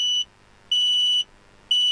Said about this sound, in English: You can buy a good alarm from any DIY store. And if carbon monoxide is leaking in your home, this is what it sounds like.